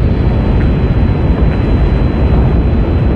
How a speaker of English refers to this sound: And those thundering Saturn V engines right there.